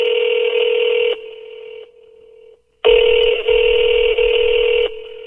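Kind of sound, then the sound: signal or alarm, telephone ringing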